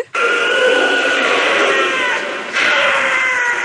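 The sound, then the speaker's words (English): A wild cat lets out a loud, sustained, harsh scream with a strained, wavering pitch, dipping briefly before surging again for a second drawn-out stretch. No voices are heard. “The most remarkable thing about them, I think, is the scream.”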